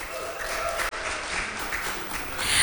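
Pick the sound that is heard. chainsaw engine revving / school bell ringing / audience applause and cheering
audience applause and cheering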